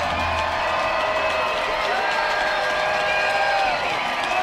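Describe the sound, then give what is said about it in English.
A large crowd at a minor league baseball game cheers during the fourth inning in a loud, steady roar that holds without a break, with scattered whoops and shouts mixed into the dense wash of voices. “It's a big crowd, and the fourth is starting to feel it now.”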